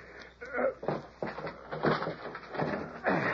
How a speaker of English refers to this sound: I'll try the door. I'm watching. You must keep still, kid, or it's your pa gets drilled. It's locked. Figured it would be. Just give it a shove. That old lock won't hold nothing. Door ain't barred.